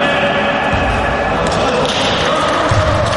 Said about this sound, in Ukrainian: Перші спроби вести м'яч і влучно закидати в кошик. В одному із залів Львівщини ветерани відпрацьовують елементи баскетболу – адаптивного.